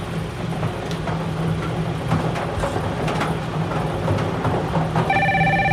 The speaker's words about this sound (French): Alors, le téléphone sonne,